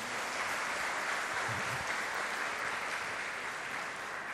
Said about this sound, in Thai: ก็ขอเสียงปรบมือเป็นกำลังใจ